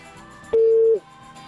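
A single steady telephone tone sounds once for about half a second, clear and fairly loud, on a call that goes unanswered to voicemail, with only faint background noise around it and no one speaking.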